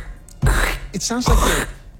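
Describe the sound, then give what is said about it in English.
Two loud, raspy crunching bursts, each lasting about a third of a second, meant as footsteps through dry fallen leaves. A short throaty voiced sound falls between them, and the effect comes across as harsh and gravelly. “I'm still not on board with the walking in the fall leaves. Do you want to hear the fall leaves again?”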